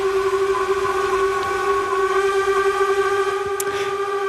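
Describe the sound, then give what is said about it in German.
The horn of the steamship Unterwalden, one of five steamships on Lake Lucerne (Vierwaldstättersee), sounds one long, steady, deep blast with rich harmonics, loud and unwavering for the whole stretch, with no speech. “Das ist das Horn vom Dampfschiff Unterwalden.”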